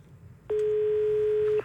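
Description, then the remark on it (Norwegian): One loud, steady electronic ring tone of a call-in jukebox telephone lasting about a second, clean and unbroken, over a faint low background hum with no voices. “Men det ringer på vår jukebox-telefon, og ingenting enda likere enn det.”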